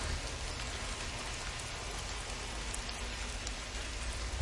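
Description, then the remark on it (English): Steady rain drumming on a garage roof, a dense continuous patter of drops with faint brighter taps scattered throughout, even in loudness with no voices. “It's like one of my favorite parts of having to open a garage is when it starts raining like that.”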